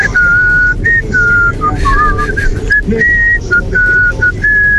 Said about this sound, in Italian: Senti quanti hanno cantato, quanti? Sì. Fischiettare va benissimo, va benissimo.